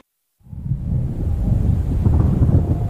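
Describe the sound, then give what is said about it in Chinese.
Rolling thunder under gathering dark clouds before rain starts after a brief silence and swells into a deep, continuous rumble that stays loud and steady to the end, with no voices. “要下雨了，咱把这土盖起来吧。”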